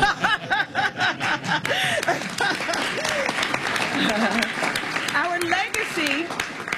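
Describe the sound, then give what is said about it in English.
A crowd breaks into steady applause for the showcasing of the George Spider Anderson Music and Arts Festival in Maryland, dense clapping sustained throughout, with scattered cheers, whoops and bits of laughter rising over the noise. “That's right, you can applaud for that.”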